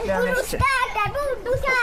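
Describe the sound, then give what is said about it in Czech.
Three children play noisily in a garden swimming pool at a house in Jihlava, their high-pitched voices shouting and calling over one another, loud throughout, with a few soft thumps or splashes underneath. “už dovádí ve vodě na zahradě Jihlavského domu.”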